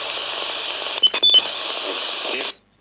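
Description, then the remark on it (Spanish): A radio, set off by an electromagnetic field sensor detecting a variation, switches on with a loud, steady rush of hissing static, broken midway by a few short electronic bleeps and choppy bursts, then cuts off abruptly after about two and a half seconds. “porque ya os digo que esto, lo que hace el sensor es saber si hay una variación y activa la radio.”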